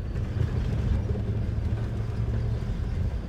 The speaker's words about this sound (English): I'm escorted the short distance from the administrative buildings to the factory in an old company car. An orange Mercedes from the 70s